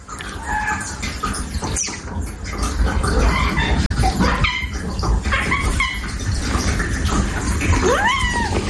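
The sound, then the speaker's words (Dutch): A cat calls to its owner with a series of high, thin meows, some rising and squeaky, repeated at irregular intervals over a steady rushing background of water. No one speaks. “Maar je hoort dus die kat hele hoge geluidjes maken naar het mens of zijn baasje.”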